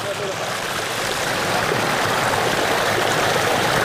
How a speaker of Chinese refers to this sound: 哇，这流水声音也非常的美妙。